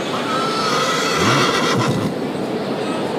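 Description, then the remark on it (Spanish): A single horse whinny rises and falls midway through, over a constant wash of open-air crowd noise in the Plaza de Toros de Granada bullring. “Los caballos que están...”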